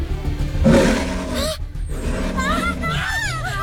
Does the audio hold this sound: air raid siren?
no